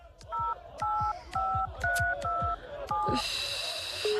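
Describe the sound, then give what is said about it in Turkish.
A string of about six telephone keypad tones beeps in steady succession as someone dials a nearby hospital, each a short two-pitch chirp, followed by a sustained higher ringing tone, all clear with faint background noise. “Defalarca aradık ama bir daha deneyeyim.”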